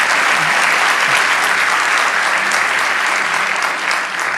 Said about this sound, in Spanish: Vamos, dale ese aplauso.